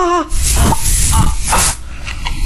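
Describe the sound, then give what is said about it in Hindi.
A pain relief aerosol spray being applied to an injury hisses loudly in a steady burst lasting over a second, with a slight pulsing in the middle, then cuts off, leaving faint background noise. “हाँ, ये ले मेरे दोस्त, ये स्प्रे लगा, दर्द का।”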